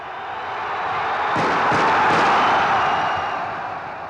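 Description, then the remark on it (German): A large crowd of spectators in the upper stands at the 53rd Berlin Six-Day cycling race applauds after the final sprint, a dense wash of clapping that swells to a peak and then slowly eases off, with a few sharper knocks near the start and no talking. “Die fiebrige Spannung oben auf dem Heuboden löst sich in Applaus”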